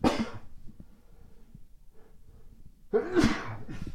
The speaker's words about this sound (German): Ach, ich musste niesen.